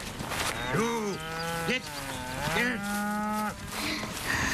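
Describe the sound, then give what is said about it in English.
Cows moo in long, drawn-out calls, two or three overlapping lows that rise and fall, fairly loud against a faint background of outdoor noise, as they are herded from the pasture into the barn before dark. “they began herding the cows into the barn as they did every night.”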